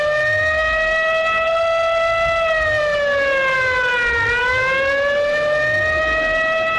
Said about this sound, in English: Give me the siren.